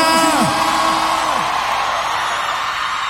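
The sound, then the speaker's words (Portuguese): A loud crowd in Brasília cheers and claps in a steady roar, with high whoops and yells rising above the noise in the first second or so before settling into sustained applause. “Pode bater palma e fazer barulho, Brasília!”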